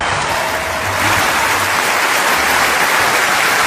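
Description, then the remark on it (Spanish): A large gala audience gives an ovation as the star of Back to the Future, who has Parkinson's, appears in a wheelchair to receive a humanitarian award: loud, steady applause, a dense wash of clapping that holds at full strength from start to finish with no voices standing out. “Ovación del público en el momento que aparece en silla de ruedas.”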